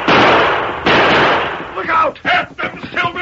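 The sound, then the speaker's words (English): Two loud gunshots ring out back to back, each a sharp crack trailing into a long, noisy rumble, followed by a burst of shouting voices. “Come on, Dirk, shoot.”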